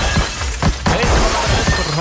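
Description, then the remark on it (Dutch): Ceramic mugs smash with a loud crash, then shards keep clattering and tinkling in a messy run of breaking sounds, with a little voice in the background. “Ja, die I Love Dead mokken, hè? Die mogen helemaal naar de...”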